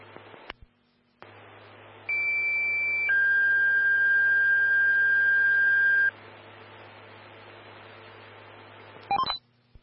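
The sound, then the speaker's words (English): Two sustained electronic fire dispatch alert tones play back to back over a radio channel with background hiss, a higher pitch for about a second and then a lower one held for three, followed by a brief click, toning out Fire Station 1, Engine 131, to a carbon monoxide alarm. “131, stand by for tones on a carbon monoxide alarm.”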